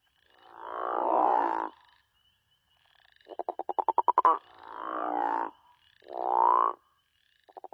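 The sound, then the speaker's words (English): A male crawfish frog gives a deep, resonating, guttural snoring call to attract females during the breeding season, repeated four or five times in slow succession, some calls rough and pulsing, loud with nothing else in the background. “The call of the crawfish frog is a deep, resonating, guttural snore that males use to attract females during the breeding season.”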